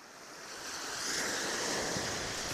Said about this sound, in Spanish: ¡Llegamos! ¡Mira qué grande el mar!